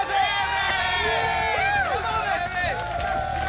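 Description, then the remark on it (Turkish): A loud crowd cheers and claps steadily throughout for a competitor who has just finished an eating challenge, with overlapping shouts and rising whoops layered over a dense wash of voices. “Kocaman bir alkış.”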